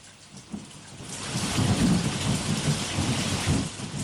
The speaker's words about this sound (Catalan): Mireu que bé ens fa la pluja. La pluja ens obliga a portar la mà al paraigües, al lloc del telèfon, i així els ulls ens queden lliures per poder mirar el món.